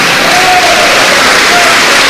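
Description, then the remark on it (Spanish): A church audience claps loudly and continuously to give glory to God during a morning service, a dense, steady wash of applause with faint voices calling out underneath. “Aplauda fuerte y diga gloria a Dios, hermano.”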